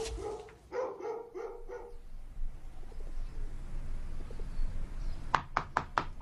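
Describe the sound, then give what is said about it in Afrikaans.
Dogs bark in two bursts: a quick run of about four tonal barks, then a stretch of quiet rustling, then five sharp, rapid barks at the end. No one speaks. “Damme, die honde het my gesien.”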